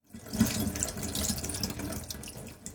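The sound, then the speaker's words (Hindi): Tap water runs steadily into a sink as a gutted fish is rinsed inside and out to remove blood clots and leftover innards, a continuous hiss broken by uneven splashes and shifting gurgles where the stream hits the fish. No one speaks. “फिर हाथ से मछली की अंतड़ियां निकालकर मछली को अंदर और बाहर से अच्छी तरह धो लीजिए, ताकि खून के थक्के और बची हुई अंतड़ियां ठीक से निकल जाएं।”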